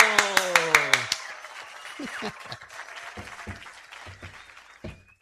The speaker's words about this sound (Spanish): Pasa adelante, con cuidado. Arriba, arriba, arriba. ¡Aplauso!